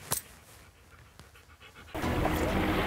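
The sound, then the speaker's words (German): A dog pants with quick, breathy huffs, then a louder steady rushing noise swells in and covers the last second. “Was für ein toller Hund.”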